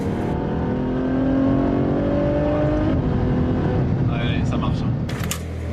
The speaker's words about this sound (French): c'est une F12 Berlinetta préparée par Novitec. Elle s'appelle N-Largo et parce qu'elle a les ailes plus larges, du carbone, des jantes changées, on aime ou on n'aime pas. Mais il y a surtout un énorme échappement qui fait hurler son V12.